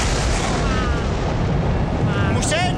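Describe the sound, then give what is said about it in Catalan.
A second lightning bolt strikes directly on a church with a thunder boom: a loud, sustained crackling rumble that stays heavy and steady for about three seconds, with faint whistling tones flickering through it. “Un segon llamp cau directament sobre l'església.”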